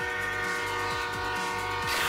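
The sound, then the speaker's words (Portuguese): A car horn blares in one long, steady blast while a car rumbles past, the horn swelling louder and brighter toward the end. No voices. “Já alguma vez te aconteceu um carro passar à tua frente a buzinar?”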